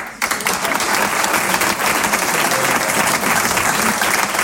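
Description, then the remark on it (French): An audience breaks into sustained applause to show who thinks Barack Obama was the most stylish American president, a dense wash of many hands clapping at a steady, loud level for several seconds with no clear pauses. “Maintenant, applaudissez pour voir ceux qui pensent que Barack Obama est le président que les Américains ont eu, qu'il soit le plus stylé.”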